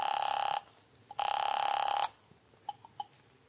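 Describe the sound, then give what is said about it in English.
A telephone rings on the line, heard as through a handset: two steady buzzing rings, each about half a second, separated by a short pause, followed by faint clicks. “I found a phone and called Jack Stacy.”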